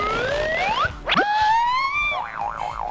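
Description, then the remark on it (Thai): Springy cartoon boing effects as a toy fly is thrown and bounces out of a toy frog's mouth in a frog-eats-fly game: rising whistle-like slides, a sharp sproing in the middle, then a wobbling, warbling tone. Loud and synthetic, with no one talking. “มันกระเด้งออกมาเข้าไม่เข้าเหรอ ไม่ไม่เข้าเหรอลอง เฮ้ยเข้าแล้ว เข้าแล้วเหรอ”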